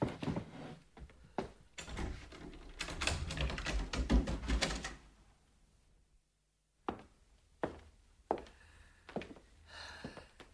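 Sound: apartment door being opened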